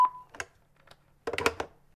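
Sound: voicemail beep tone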